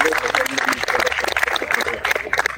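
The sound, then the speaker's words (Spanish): Loud, sustained applause from a crowd at a ceremony for Flag Day and the Battle of Arica, a dense crackle of many overlapping hand claps that stays steady and energetic for the whole stretch without any break. “Fuertes aplausos, por favor.”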